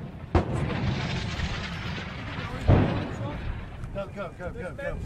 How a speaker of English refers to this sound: The explosions were in front and behind. We approach very close to Corioli now, and there appears to be a firefight happening about 100 metres in front of us.